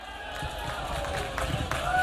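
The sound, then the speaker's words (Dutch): A crowd in Emmen applauds to welcome a performer, a dense, steady wash of clapping and cheering that holds at an even, fairly loud level throughout, with a thin whistle-like tone rising near the end. “Geef hem een waanzinnig applaus”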